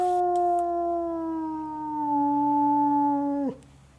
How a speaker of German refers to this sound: das sind die Wölfe. 15 Uhr ist Fütterung.